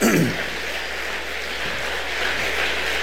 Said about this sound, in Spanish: Denle un aplauso al Rey de la Gloria, por favor. Alabamos a Dios.